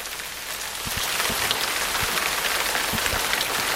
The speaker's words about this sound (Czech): Ale je to hezký zase takhle otevřít si to okno. Dobrá. A ten déšť.